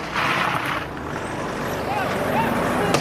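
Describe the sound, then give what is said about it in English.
A gray car full of masked young men rolls up, its engine rumbling steadily beneath a busy wash of street noise, with indistinct voices mixed into the background. “a gray car full of masked young men pulled up.”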